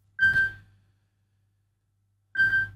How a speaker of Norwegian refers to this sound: Nå ble det litt tull her på telefonen, men der ringer det.